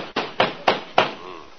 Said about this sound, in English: Hey, Kingfish, I think somebody's at the door. Yeah, that certainly is a nasty knock, all right. Must be the landlord.